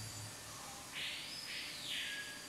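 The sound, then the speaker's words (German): Birds chirp steadily, with bright trilling calls overlapping into a continuous twittering chorus against a quiet background, no voices. “Ich glaube, die Vögel sind jetzt auch zufrieden.”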